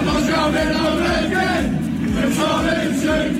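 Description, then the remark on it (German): A large crowd of British football fans chants together in a loud, sustained roar, voices blending into a rhythmic, sung refrain with steady energy throughout; the chant is dedicated to Thomas Tuchel. “Sie haben ihm sogar schon Fangesänge gewidmet.”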